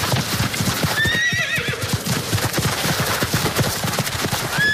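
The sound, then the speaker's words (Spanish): A horse whinnies loudly near the start, its shrill neigh rising and falling, over a steady, rapid clip-clop of hooves that continues throughout, clear. “El turismo a caballo, turismo ecuestre, va ganando cada vez más adeptos.”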